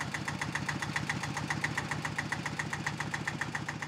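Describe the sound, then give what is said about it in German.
A tractor engine idles on an island, its steady, rapid chugging pulses running evenly throughout with a rough mechanical rattle and no voices; the tractor carries a load of fruit crates that goes onto a boat. “Vom Trecker geht die Ladung erst aufs Boot und wird später nochmal umgepackt ins Auto.”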